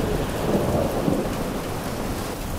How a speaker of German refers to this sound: Tief überm Wasser hängen dichte, schwarze Regenwolken. Es donnert und immer wieder zucken Blitze über den Unwetterhimmel.